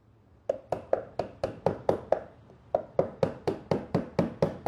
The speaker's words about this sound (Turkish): Bunlara yama yapmak için bu sandıkla aynı dönemden kalma maun ağacı çekmece tabanlarım var. Tamiri yapacağım yeri belirginleştirmek için keski kullanacağım, yama yapacağım, çekmece tabanından parçayı keseceğim ve yerine yerleştireceğim.